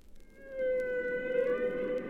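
A long, sustained tonal moan with rich harmonics holds steady for about a second and a half, an eerie humpback whale song rising out of a low rumbling background, with no voices present.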